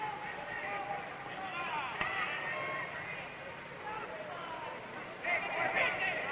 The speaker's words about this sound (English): And it's the crowd yelling advice to Matheny saying, come on, keep your eye on that Killer Austin.